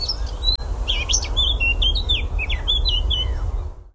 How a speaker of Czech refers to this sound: No, tak to nemůže být nic jiného než zpěv pěnice černohlavé, jednoho z nejzdatnějších zpěváků naší krajiny, zároveň jednoho z nejběžnějších našich ptáků